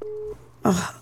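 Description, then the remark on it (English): A short, steady telephone busy-signal tone sounds once, then cuts off; after a brief pause, a louder breathy vocal sound with a falling pitch follows. “Who there my phone line?”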